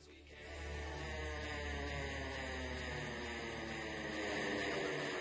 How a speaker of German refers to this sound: oh, jetzt wird der Motor angeschmissen. Dass, wenn das Käppi einmal umgedreht ist, ist der Motor an.